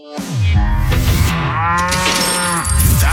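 A cow moos loudly, a long, drawn-out bellow with a rising then falling tone that fills about three seconds, with no talking over it; a cow-moo sound effect for radio station 92.3 WCOL's Cash Cow contest.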